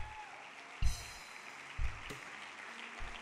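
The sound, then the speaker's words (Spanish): A church audience claps in a steady, dense wash of applause for God, with a few heavy low thumps breaking through at roughly one-second intervals; no one speaks over it. “Dele un aplauso a él si lo cree.”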